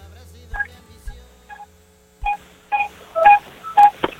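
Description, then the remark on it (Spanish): A bicycle horn sounds in a string of about seven short, tonal beeps at an uneven pace, starting soft and growing louder toward the end, with a faint hum underneath. “No, pues manches, creo que es la bocina de la bici.”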